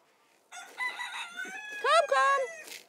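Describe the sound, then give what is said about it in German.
Chickens call loudly for a couple of seconds as their owner tries to catch them, with drawn-out, strained vocalizations and a burst of sharp rising squawks near the end; there is no talking. “So, jetzt können wir erstmal hier unsere Hühner einfangen.”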